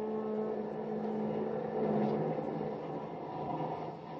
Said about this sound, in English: A sleek, long streamliner heads out of New York.